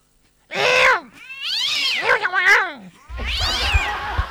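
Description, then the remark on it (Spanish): Cats fighting on a roof yowl and caterwaul in three drawn-out, wavering wails with rising and falling pitch, loud, the last one joined by a rough scuffling rumble underneath. “Se agarraron a pelear los gatos en el techo.”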